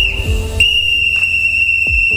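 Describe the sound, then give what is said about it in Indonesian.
A loud, sustained referee's final whistle blows steadily for about two seconds, sharp and piercing, with low rumbling background noise and a couple of brief thumps underneath. “Nikmati permainannya, rayakan momen kebersamaan, dan setelah peluit akhir berbunyi, yang tersisa bukan siapa menang, tapi siapa yang tetap bersama.”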